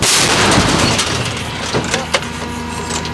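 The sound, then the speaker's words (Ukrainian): An artillery crew's gun fires with a loud, broad boom that rolls into a long, rumbling decay, followed by a couple of brief sharp knocks. No one speaks. “Але після кількох пострілів командир гармати кричить складатися та ховатися.”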